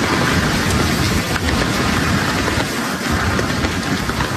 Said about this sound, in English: Residents ventured out to markets in drizzly rain and gusty winds in Taiwan as Typhoon Bavi moves west toward China.